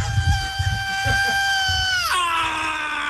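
A long, piercing high-pitched scream from a live thrash metal singer, held steadily for about two seconds before sliding sharply down in pitch, over a rumbling, noisy band backdrop.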